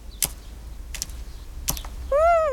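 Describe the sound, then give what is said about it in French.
Three sharp, evenly spaced taps as a small blue titmouse with a yellow belly pecks at seeds, followed by a short, bright chirp at the end. “Le petit oiseau picore quelques graines.”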